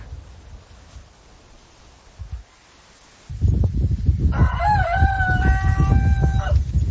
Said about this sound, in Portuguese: Galo inglês, hein?